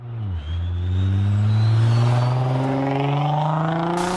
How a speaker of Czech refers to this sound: Vysokou rychlostí projíždějí po hlavním tahu městem i zatáčkami v místní části Tylovice.